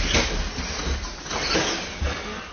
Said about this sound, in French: Ben, en fait, à l'intérieur, je vais rouvrir la porte.